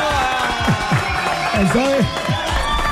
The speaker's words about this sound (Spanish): Vamos a tocar unos aplausos que viene el sábado.